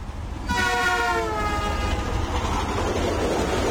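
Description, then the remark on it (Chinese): A train horn sounds one long, loud, steady blast over the heavy rumble of a train arriving in Tokyo. The horn then fades, leaving a continuous roar of wheels and rails. “冷风回到东京，下了火车后没有回家，直接回到了办公室。”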